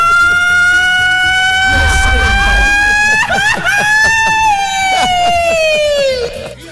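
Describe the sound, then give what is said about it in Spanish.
A loud ranchero-style yell: one long, high wailing cry held for several seconds, wavering and bending in pitch before trailing off at the end, dominant. “Oye, ¿por qué no te pegáis un buen gritito ranchero del pistolón chiquitito?”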